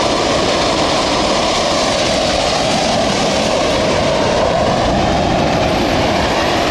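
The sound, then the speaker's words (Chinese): Boiler No. 2 of the old Shenhai thermal power plant in Dadong District, Shenyang, collapses during mechanical demolition: a loud, continuous roaring rumble with dense crunching and grinding underneath, holding steady for several seconds with no voices. “我们现在在画面中看到的是正在倒塌的2号锅炉。”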